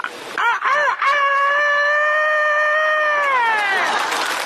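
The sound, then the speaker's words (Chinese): A man's voice imitates a rooster crowing: a few short rising yelps, then one long, loud, strained crow that holds steady for a couple of seconds and trails off. “你这公鸡叫的太亢奋了呀！”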